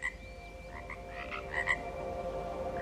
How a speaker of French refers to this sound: Et le croissement des grenouilles, c'est vraiment un son auquel je me suis habituée.